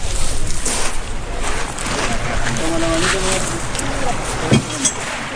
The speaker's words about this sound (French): Voilà. On monte dans le bateau.